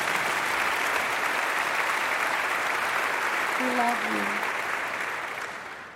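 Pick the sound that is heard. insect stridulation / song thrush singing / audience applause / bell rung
audience applause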